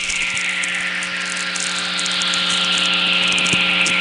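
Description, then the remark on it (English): A lightning whistler picked up by a radio receiver: a loud, continuous hissing tone whose pitch slowly sinks over about four seconds, with a steady low electrical hum beneath and no voices. The electromagnetic pulse from a lightning bolt travels to the opposite hemisphere and back, spreading out its frequency components. “And in making this long trip, the frequency components are spread out, so you get this downward falling tone, like a sigh or a hiss.”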